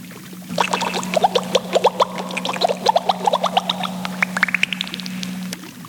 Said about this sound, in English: What was that? Did you hear a splash?